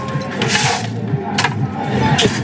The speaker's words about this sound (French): Crème de coco. Un peu de jus d'ananas. On rajoute des glaçons.